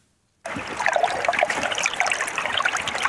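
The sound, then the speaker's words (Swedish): Water in a stream flows and trickles steadily, a continuous bright babbling wash with small splashy bubbles, starting abruptly after a brief moment of silence and staying fairly loud throughout. It is a river in Västerbotten, Sweden, where 75,000 trout fry were released this week. “I veckan släpptes 75 000 öringsyngel ut i en västerbottnisk å.”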